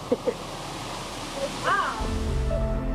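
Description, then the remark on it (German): Water from ice-cold underground springs rushes steadily into a river, feeding it, a continuous loud wash of flowing water, with a few brief faint voice-like sounds and a deeper rumble joining toward the end. “Das Wasser stammt aus eiskalten unterirdischen Quellen und speist hier den Fluss.”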